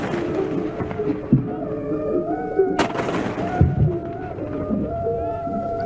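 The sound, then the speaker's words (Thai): Ceremonial royal cannon salute fired by the army and navy, 21 rounds each, with several deep booms going off at irregular intervals over a brass band steadily playing the royal anthem in the background, the shots heavy and echoing outdoors. “แตรวงบรรเลงเพลงสรรเสริญพระบารมีทหารบกทหารเรือยิงปืนใหญ่เฉลิมพระเกียรติฝ่ายละ21นัด”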